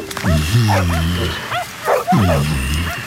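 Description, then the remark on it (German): Several dogs in kennels bark and yelp over one another, loud, with a couple of longer howling barks standing out against a constant busy chorus of yips from the pack. “So viele Zwinger und so viele Hunde.”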